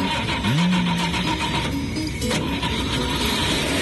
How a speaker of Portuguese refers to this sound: E vamos ligar o motor do nosso Chevetinho agora.